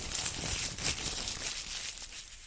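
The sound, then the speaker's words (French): Continuous crinkling and rustling of a small paper slip being drawn by lot and unfolded, with soft crisp crackles over a couple of seconds and no talking. “Allez, on va commencer par tirer un petit papier au sort tout de suite.”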